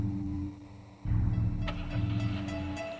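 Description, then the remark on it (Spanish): A car engine rumbles at idle, then surges louder about a second in and keeps running steadily as the car reverses and turns. A short metallic click cuts through midway. No one speaks. “Así pues, subo al coche. Me echo en reversa, doy vuelta y me encamino hacia la calzada.”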